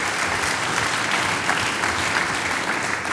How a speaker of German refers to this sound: du kriegst einen Applaus.